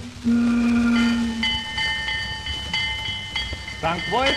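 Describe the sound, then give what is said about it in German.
A steam train arrives at St. Wolfgang on the Wolfgangsee in the Salzkammergut, Austria, with a loud, sustained whistle blast near the start, followed by ringing tones and rumbling carriage noise, with a few rising squeals toward the end. “Und damit war damals der Weg zum Welterfolg geebnet und erhielt das Fest, was eben viele erleben, als sie mit dem Zug am Wolfgangsee ankamen, damals in Bad Ischl.”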